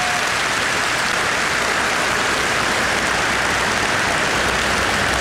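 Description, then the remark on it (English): A dense, steady wash of crowd applause at a political party gathering, given for Dr. David Bull, fills the whole stretch, loud and sustained with no voices cutting through, the many overlapping claps blending into a continuous crackling roar. “He needs a clap.”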